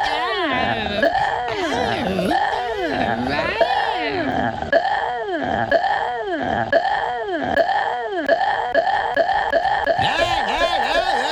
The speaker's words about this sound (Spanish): ¿Qué es eso? ¿Eso no es un bostezo? Parecía que le está dando, no sé, estaba entrando un fantasma a su cuerpo, ¿no? A ver. Parece un dragón.